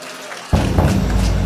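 After a brief hush, audience applause bursts in abruptly, a dense, steady crackle of many hands clapping that stays loud and continuous until the end.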